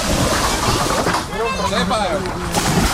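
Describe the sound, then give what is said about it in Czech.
Busy outdoor scene on the Jizera river in the Czech Republic in extremely hot weather: steady water sloshing and splashing around boats and rafts, with hundreds of people on boats and many swimming, lively voices calling and shouting throughout. “Jsou tady stovky lidí na lodích, ale hodně se jich přijelo také vykoupat.”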